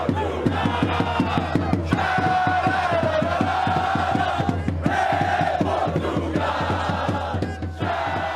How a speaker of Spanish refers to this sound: Vea y escuche el ambiente que están armando los seguidores portugueses en las calles de Houston, Texas.